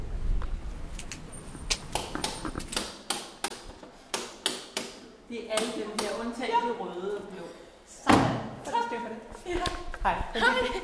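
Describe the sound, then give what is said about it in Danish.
The heavy closed door of Matthæus Church in Vesterbro rattles and clicks with a run of sharp, knocking latch sounds, then swings open and shuts with a loud thud, while voices murmur. “Det er Matthæuskirken, vi er kommet frem til, hvor døren er lukket. Jeg prøver at se, om jeg kan stikke snuden indenfor og måske finde en festivalarrangør eller to.”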